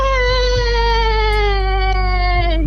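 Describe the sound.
A person imitates a horse neighing as an answer in a radio quiz. It is one long, loud, voiced wail that glides slowly downward in pitch for nearly three seconds, with no talking.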